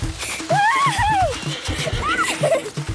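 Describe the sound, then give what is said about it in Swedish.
A horse is ridden out through a gate, galloping over gravel that flies up around its hooves; the hooves pound in a quick, steady rhythm while a high, wavering whinny rises and falls above the hoofbeats. “red Pippi ut genom porten så att småstenen yrde om hästhovarna”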